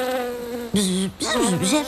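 A droning buzz of bees, steady at first, then breaking into a few short bursts whose pitch rises and dips, with no speech.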